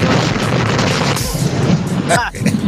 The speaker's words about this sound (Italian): È esploso? Gli è esploso il camion?